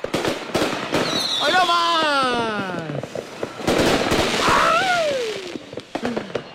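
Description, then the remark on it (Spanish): Fireworks go off in a loud volley: rising and falling whistles sweep overhead amid a rapid scatter of sharp pops and crackling bursts for several seconds. “Obvio, espérate, es que me llegó tarde de la pirotecnia, pero mira, ya llegó.”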